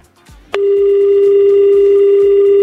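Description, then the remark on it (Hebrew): A phone line clicks open as a call is dialled to a radio show's hundredth listener, and a loud, steady dial tone starts, humming continuously to the end over a faint, low, rhythmic background beat. No one speaks. “רגע, בוא נחייג למאזין המאה.”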